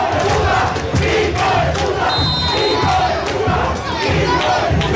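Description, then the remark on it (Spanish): A large football stadium crowd of Nacional supporters, mainly in the preferencia stand, chants and shouts in protest at disputed plays, a loud, dense roar of massed voices with rhythmic surges and collective yelling that fills the whole clip. “Exactamente, muy elocuente el público de Nacional, principalmente el de preferencia, que se hace sentir definitivamente.”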